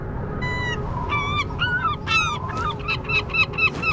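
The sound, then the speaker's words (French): A flock of gulls gliding on the wind calls repeatedly, with harsh, overlapping cries coming in quick, uneven bursts over a steady rumble of wind. The calls grow busier toward the end. “Les goélands, eux, s'amusent à planer, portés par le vent.”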